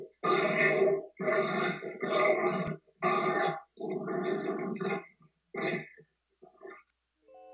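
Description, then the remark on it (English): Dogs grunt and snort in a run of rough, throaty bursts, several long low grunts in a row followed by shorter, fainter snuffles as the sounds trail off. “Listen to these clowns.”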